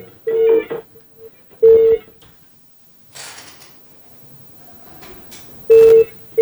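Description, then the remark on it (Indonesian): Phone-line tones from a regular phone call to a caller being dialed and ringing, which goes unanswered: three short, steady beeping bursts spaced a second or more apart, with some faint rustling and background noise between them. “Dan kita sudah terhubung dengan penelpon di telepon WhatsApp. Telepon biasa.”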